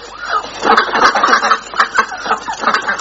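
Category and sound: bird, ducks quacking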